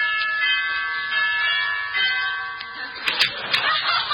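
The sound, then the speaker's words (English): A doorbell chimes at a front porch with sustained, ringing tones that overlap and fade, followed near the end by a few sharp clattering bursts. It is fairly loud, with no talking. “Yeah, I'll ring the bell.”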